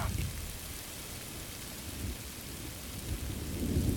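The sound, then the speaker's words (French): Steady rain pours down in a dense, continuous hiss, with a deep rumble underneath that swells toward the end. No voices are present. “Il pleut, merde.”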